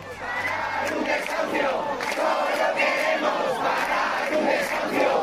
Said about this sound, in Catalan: Centenes de persones romanen a la porta en aquests moments del domicili per intentar impedir el pas de la comitiva judicial que ha d'executar el desnonament i ja s'han produït les primeres càrregues amb agents antiavalots.